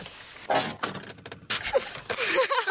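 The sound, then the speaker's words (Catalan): Someone tumbling down a flight of school stairs: a run of heavy, irregular thumps and clattering bangs, loud, with a brief vocal cry mixed in near the end. “Algú ha caigut per les escales.”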